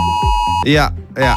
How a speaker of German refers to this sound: Ja, heute ist in Deutschland Warntag. Das heißt, um 11 Uhr klingeln eure Handys und geben diesen Sound hier ab.